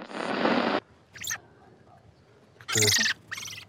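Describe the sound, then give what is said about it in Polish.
A few harsh, chattering songbird calls come in short bursts, fairly loud, after an opening burst of noisy rustling; no one speaks. The birds are among nearly 500 songbirds, such as song thrushes, redpolls, blackbirds and redwings, seized by police. “Śpiewaki, czeczotki, kosy czy droździki. Łącznie policjanci zabezpieczyli prawie 500 ptaków.”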